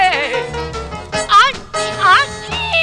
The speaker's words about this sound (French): C'est supposé être le cri du cochon. Pauvre bête.